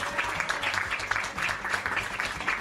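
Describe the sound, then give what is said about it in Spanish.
A crowd applauds steadily for a former long-serving leader of an association, many hands clapping together in a dense, even patter at moderate loudness, with no talking over it. “que en su momento también estuvo muchos años acá liderando, un fuerte aplauso para él, el tiempo que estuvo.”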